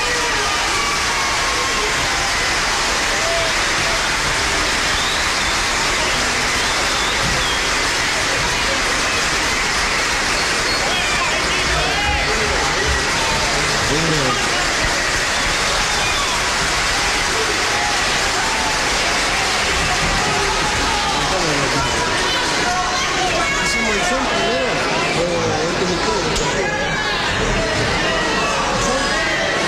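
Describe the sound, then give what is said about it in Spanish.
An audience applauds to welcome a percussionist invited on stage to join the performers, a dense, continuous wash of clapping that holds steady for about half a minute, with crowd voices and murmuring mixed in throughout. “Vamos a invitar con el aplauso a ustedes a”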